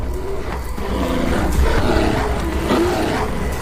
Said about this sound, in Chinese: 比拼力量和体格的时候到了。体格最大的棕熊发现自己处于直接竞争之中，战斗开始了。